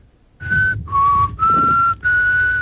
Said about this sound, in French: Faut apprendre à siffler avant de faire des conneries comme ça.